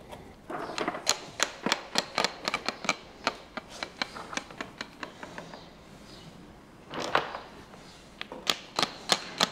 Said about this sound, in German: Zum Pflastern braucht es vor allem einen Hammer und ein gutes Ohr. Umso härter der Stein im Boden liegt, umso dunkler ist der Ton. Dann hört man es halt, dass er sitzt noch nicht so richtig, da braucht noch ein Schlägchen.